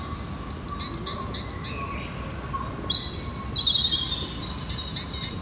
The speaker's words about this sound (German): Wie schön die Vögel zwitschern.